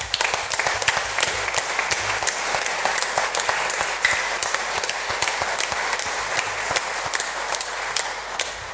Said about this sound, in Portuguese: Portanto, para todos os carreiros, aqueles que ornamentaram esta igreja de forma tão bela, que deram de si para que esta novena fosse digna e bela, a nossa gratidão com uma salva de palmas.